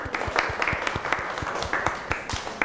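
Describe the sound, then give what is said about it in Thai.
A group of students clapping for themselves in class, a quick, uneven patter of many overlapping claps, moderately loud and steady throughout, with a faint voice or two underneath. “เก่งมากค่ะปรบมือให้ตัวเองก่อน”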